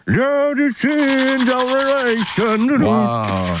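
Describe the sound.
A single voice sings a song into a toothbrush, a continuous, muffled melody, its sustained notes sliding between pitches as if the mouth is partly blocked, loud throughout with only brief breaths between phrases.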